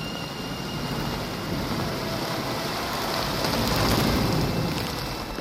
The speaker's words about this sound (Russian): Дождь идет полосою косой, и любви запоздалая вьюга перемешана с этой грозой.